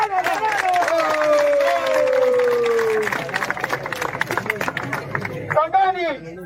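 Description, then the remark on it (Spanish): A crowd of neighbours claps steadily throughout, applauding one another, while a long, falling shout carries over the first half. The applause then thickens into dense, continuous clapping, and a rising voice breaks in near the end. “Entonces, vecinos, ¡palmas por cada uno de ustedes!”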